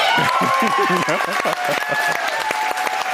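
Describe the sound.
Loud, dense applause from a large crowd at the ORF-Landestheater in Klagenfurt, Austria, at the announcement of the Ingeborg Bachmann Prize, with cheering voices and shouts rising over the steady, continuous clapping.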